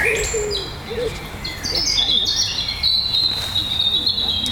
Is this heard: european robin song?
yes